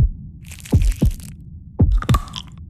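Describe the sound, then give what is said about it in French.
A heartbeat sound effect in a radio advertisement for Pierre Marcolini chocolates in Brussels: two pairs of deep, booming thumps in a lub-dub rhythm, layered with a crackly, crunching texture, and no voices. “Ce sont les chocolats de Pierre Marcolini qui font battre le cœur de Bruxelles.”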